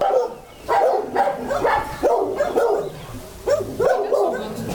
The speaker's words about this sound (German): Da könnte es jetzt gleich ein bisschen laut werden, wenn die Hunde alle anfangen zu bellen. Das sind unsere Hundeausläufe. Ein Teil der Hundeausläufe.